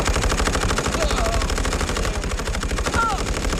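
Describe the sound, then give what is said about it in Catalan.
Rapid, continuous machine gun fire from German positions, opening fire on charging attackers, rattles throughout in dense, loud bursts, with a couple of brief whistling tones rising above the clatter. “Els alemanys, que encara no creuen el que veuen els seus ulls, preparen les seves metralladores... I obren foc.”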